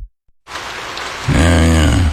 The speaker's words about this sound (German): Regen. Ewig grau. Müssen Sie sich das anhören? Also das müssen Sie sich nun wirklich nicht anhören.